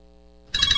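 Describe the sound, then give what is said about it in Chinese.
A bright electronic ringtone for an incoming long-distance video call from a daughter in Italy bursts in halfway through on a mobile phone, warbling in quick repeated pulses after a faint, steady low hum. It's loud and very short. “咦，老婆，个女用视像打长途电话翻嚟。”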